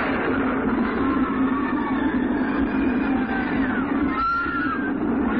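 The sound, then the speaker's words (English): A runaway mine train on Big Thunder Mountain rumbles steadily along its tracks, a continuous loud low roar with faint metallic squeals rising above it, with no voices. “knows what strange force has unleashed the runaway mine trains on Big Thunder Mountain, but every day, Big Thunder strikes.”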